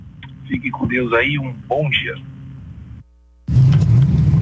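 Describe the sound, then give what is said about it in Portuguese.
A low, steady road rumble of stopped traffic on the Rodovia Ayrton Senna highway near Palmeiras, around kilometre 14, sits under a man talking, like traffic heard from inside a vehicle, then breaks off briefly before a louder, denser wash of noise returns. “Estou na rodovia Ayrton Senna, aqui próximo a Palmeiras, aqui no quilômetro 14, aproximadamente. E trânsito parado.”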